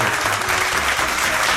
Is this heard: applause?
yes